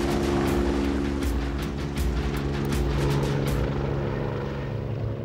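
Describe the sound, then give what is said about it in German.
A rescue helicopter takes off on an emergency call, loud, its rotor thumping in a fast steady rhythm over a constant turbine whine, with the blade beat fading slightly toward the end. No one speaks. “Also es ging jetzt alles so schnell, wir sind so schnell in den Hubschrauber rein.”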